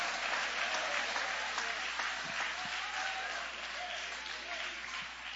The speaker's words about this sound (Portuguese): Quem crê que Deus tem poder de jogar por terra, destruir essas fortalezas? Levante a mão então, aplaudindo, glorificando, exaltando.